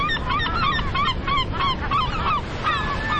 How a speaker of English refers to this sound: a naturalist and birder in Buffalo, New York, where I love watching American herring gulls.